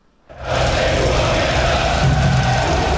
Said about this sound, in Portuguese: E se houve empate dentro de campo, fora de campo, o ambiente começou cedo aqui em Toronto com muita festa da torcida da casa e a gente vai acompanhar agora na reportagem.